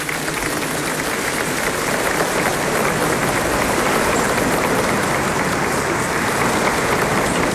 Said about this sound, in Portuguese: Mais uma salva de palmas a Dom Eduardo, agradecendo.